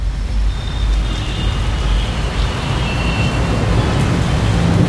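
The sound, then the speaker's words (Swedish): Steady, loud wash of rain over a Manhattan street on a grey Sunday afternoon, with a constant low traffic rumble and faint passing vehicle whines; no voices, and no clear thunderclap stands out. “Det är en grå söndags eftermiddag och Manhattans gator blinker av regn.”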